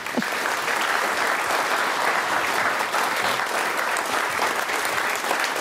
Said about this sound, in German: Und wir haben zurzeit nicht nur einen rauschenden Applaus, sondern auch noch eine rauschende Klimaanlage.